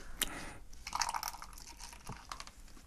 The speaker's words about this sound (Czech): Tak to otevřem. Ale ono je to v petláhví teda.